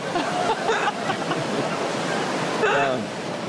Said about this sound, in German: Also was mir Hoffnung macht, so doll regnet es meist nicht lange.